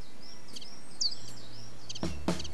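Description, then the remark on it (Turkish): A pet bird named Fiko gives a few short, high chirps and a brief whistled call over a steady low hum, followed by a couple of louder clicking or tapping bursts near the end. “Niye gelmiyor bu kuş? Bir derdi var sanırım.”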